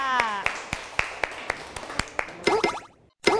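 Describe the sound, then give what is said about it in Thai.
A group of children clap together in a steady, even rhythm, a dozen or so crisp claps in a row, applauding the fourth group coming out to perform, while young voices chatter and call out over the clapping. “ซึ่งเด็กๆก็ทำการแสดงได้อย่างน่ารักมากๆเลยค่ะเอาละค่ะขอเสียงปรบมือให้กับกลุ่มที่4ออกมาทำการแสดงค่ะ”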